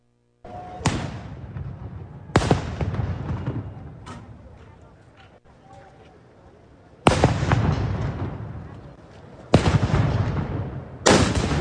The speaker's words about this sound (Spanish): Vamos ahora con, lanzan petardos hacia las instalaciones del 27 Batallón de Infantería en Iguala. ¿Qué pasó ahí?